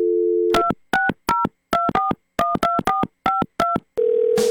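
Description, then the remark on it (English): A steady telephone dial tone cuts off into a quick run of about eleven touch-tone beeps, each a crisp dual-pitched blip, as a call is placed to a prize winner, before another steady tone picks up at the end. No one speaks. “Going to try to get that winner on the phone.”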